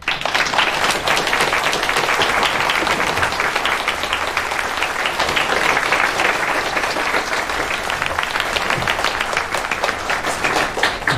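People at a hospital morning meeting applaud warmly to welcome back a department director, a dense, steady patter of many hands clapping that holds at an even loudness for about eleven seconds, with no talking over it.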